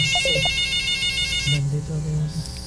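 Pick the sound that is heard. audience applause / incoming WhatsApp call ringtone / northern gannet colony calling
incoming WhatsApp call ringtone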